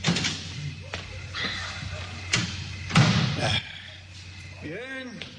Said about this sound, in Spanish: Cierro la puerta. Eso es, y la llave quito, ¿eh? Que no se vea que hay gente aquí.